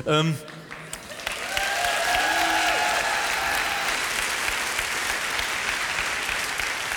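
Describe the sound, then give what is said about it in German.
Steady, dense theatre applause from an audience at the musical Mozart swells after a brief voice at the start. Early on, one drawn-out boo rises and falls beneath the clapping, which continues evenly to the end. “Viel Applaus, ein Buh, gut.”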